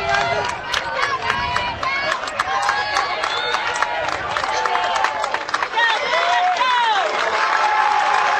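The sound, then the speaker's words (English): A baseball crowd at an afternoon game involving North Shelby cheers steadily as a distraction during a 3-0 count, with two runners in scoring position. A dense roar of many voices, with individual shouts and scattered clapping rising out of it, holds loud and even throughout. “The crowd again. Play the distraction and it's working.”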